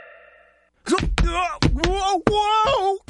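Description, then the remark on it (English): After a brief, faint tone, a person slips and falls in a restaurant: several heavy thuds land among loud, drawn-out wailing and groaning cries that rise and fall in pitch. “Sounds like someone just slipped at a restaurant.”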